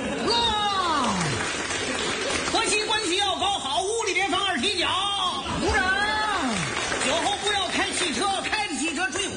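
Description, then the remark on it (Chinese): A crowd claps steadily and continuously for several seconds, loud, with voices whooping and shouting over the applause throughout; prolonged applause given on cue while being recorded. “长时间鼓掌。”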